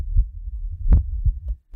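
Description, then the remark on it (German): A heartbeat thumps in low, dull pulses, a soft beat followed by a stronger double thud, repeating steadily with no voices over it. “Hört ihr das? Da bumpert ein Herz.”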